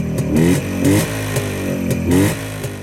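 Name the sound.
motorcycle engine revving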